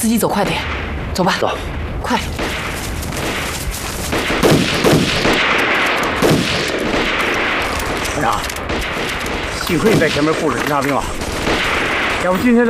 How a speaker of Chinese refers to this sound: 有枪声。枪声是从对面山坡上传过来的。